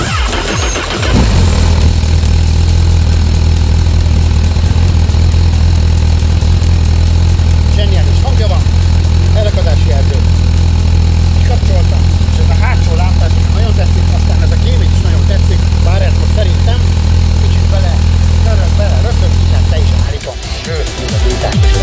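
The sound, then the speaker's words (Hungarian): A Honda Hornet SP 1000 motorcycle engine fires up after about a second, then runs loud with a steady, throaty idle and occasional revs for nearly twenty seconds before cutting off abruptly. “Adjunk rá, hát azt a gyújtást már ne hiszen, azt már adtunk rá, de hogy akkor indítsuk el szépen ezt a motor kerékpárt, meg is röpentsük be.”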